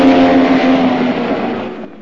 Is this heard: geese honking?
no